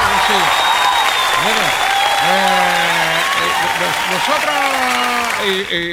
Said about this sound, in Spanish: Así que muchas gracias por esto, y un saludo y felicidades y un aplauso a todas y a todos los ganadores.